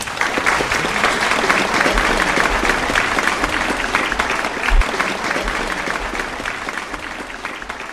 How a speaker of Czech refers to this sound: a prosím o veliký potlesk.